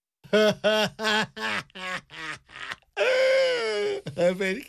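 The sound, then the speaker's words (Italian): The character Crude sobs in a string of short, choppy bursts, then breaks into a long, loud drawn-out wail before a few more sobbing gasps, with no other talk. “Crude piange e questa è sempre una cosa buona.”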